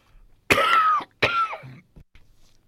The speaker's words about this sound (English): I do apologise. We coughed again.